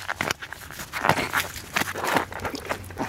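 A wet shoe being pulled off a foot in Helsingør, with water pouring out, a series of irregular squelching and crinkly scuffing bursts over about three seconds, moderately loud, with no talking.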